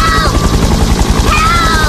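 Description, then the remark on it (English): A helicopter thunders, its rotor blades chopping in a rapid, steady beat that fills the whole moment, with a raised voice faintly cutting through above the noise. “In a cyclone or volcanic eruption, even a helicopter wouldn't reach you.”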